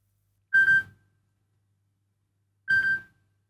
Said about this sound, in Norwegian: Det ringer, hør, hvem kan det være? Hallo?